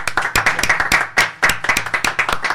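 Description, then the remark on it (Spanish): Audience applause at a stage music program marking its 300th show: a dense, steady patter of many hands clapping at once, loud and continuous without any voices. “La mejor forma de retribuirle, don Gabriel, es a través de nuestro sincero aplauso.”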